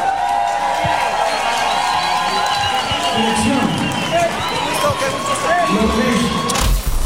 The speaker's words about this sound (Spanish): Un aplauso para Vacilos.